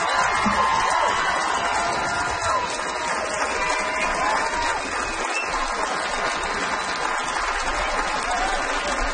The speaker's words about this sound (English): Another round of applause for Mason.